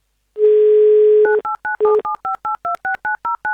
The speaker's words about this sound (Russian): Давайте узнаем у него лично. Прямо сейчас наберем его номер.